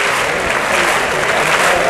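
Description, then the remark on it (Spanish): A bullring crowd at a bullfight claps in a dense, loud, continuous ovation for the music band's pasodoble, around 8:30 in the evening, many hands striking together in a steady wash of applause with no voices standing out. “Las palmas choqueras.”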